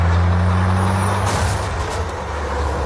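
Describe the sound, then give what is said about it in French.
A heavy tanker truck's engine drones low, steady and loud during a Steven Spielberg chase scene on California roads, while a sharp hiss of air brakes bursts through partway in; no voices. “Il faut noter, c'est important, que dans cette course-poursuite, Steven Spielberg ne montre jamais le chauffeur du camion-citerne.”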